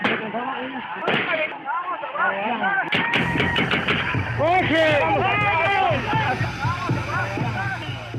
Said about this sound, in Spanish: A las 3 de la tarde, el ejército arremetió contra población desarmada con disparos, lo que ocasionó la muerte de 7 personas e hirió a 34 más.